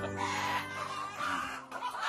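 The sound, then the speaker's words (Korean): A free-range hen of a traditional, low-laying breed clucks continuously, a busy run of short, throaty calls with no talking, filling the whole couple of seconds at steady loudness. “생산성도 낮은 젤의 닭을 주인장은 왜 고집해온 걸까요?”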